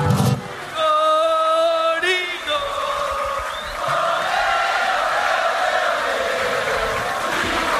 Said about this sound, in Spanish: El aplauso es para él. Para el anfitrión, para el dueño de casa.